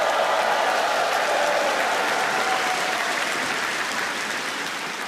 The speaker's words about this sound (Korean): 네, 우리에게 독립의 감격을 일깨워준 극동방송 어린이 합창단 단원들에게 다시 한번 힘찬 박수 보내주시면 좋겠습니다.